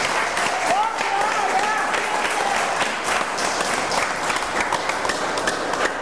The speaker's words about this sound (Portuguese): Oh, glórias e glórias a Deus. Aplaudam ao Senhor, meus irmãos.